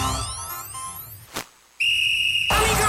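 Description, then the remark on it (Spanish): A referee's whistle starting a football match gives one steady, shrill blast lasting under a second, preceded by rising swooshing tones and a sharp hit, then cut off by a loud burst of broad, rushing noise. “Arranca el partido con el bodegón futbolero”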